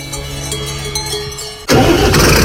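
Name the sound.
tractor engine starting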